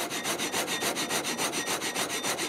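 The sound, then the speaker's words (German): A sawmill from 1876, preserved in original condition and originally water-powered, saws through wood in fast, steady back-and-forth strokes, a loud rasping rhythm repeating about five times a second, without any voices. “Eine Sägemühle aus dem Jahr 1876. Und sogar im Original erhalten.”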